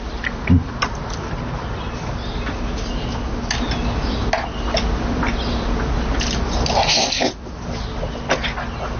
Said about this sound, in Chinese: 你慢点嚼，别噎着，没人跟你抢。